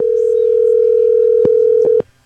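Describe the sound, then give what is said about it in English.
A steady, loud telephone dial tone from a phone hooked up to the studio board hums for about two seconds, broken near the end by a few brief clicks, then cuts off abruptly into near silence. “You got your phone hooked up to the board. Yeah. So just heads up, everything that goes on your phone, everyone's going to hear it.”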